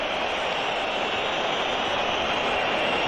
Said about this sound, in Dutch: En het Metropolitano toont zijn afkeur voor de droom die Alvarez heeft.